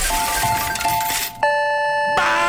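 A slot machine sound effect: a steady electronic beep over whirring noise, then a loud, ringing chime that holds for under a second before the busy jingling noise returns.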